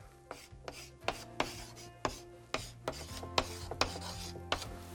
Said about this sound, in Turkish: Pembe kalemimle buraya yazıyorum.